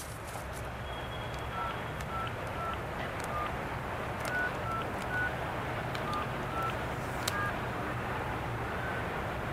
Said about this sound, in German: Freizeichen. Sie scheint nicht zu Hause zu sein. Sie geht nicht dran.